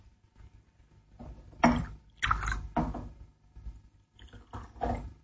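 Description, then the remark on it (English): Scotch and water being poured into a glass in a few short splashing bursts, with faint clinks between them, fairly quiet, with no one speaking. “Have a drink. An excellent idea. Scotch? Fine. Water?”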